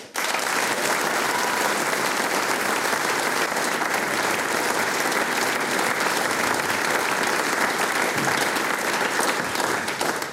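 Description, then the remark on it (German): A large audience gives closing applause for the performers of a concert, a dense, even wash of clapping that stays loud without pausing, with a faint murmur of crowd voices mixed in. “Ich darf um einen ganz, ganz großen Schlussapplaus für unsere Mitwirkenden bitten”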